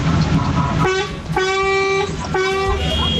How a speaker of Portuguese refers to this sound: É, cara, os caras tá buzinando, né? O negócio tá ó. Caramba, caí sim, gostei de ver. Eu gostei de ver esses caras buzinando com tudo, gente.